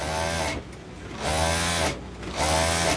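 A sewing machine runs in three steady bursts of rapid mechanical whirring, each about a second long, separated by short pauses. The motor hum is close and fairly loud, with no voices.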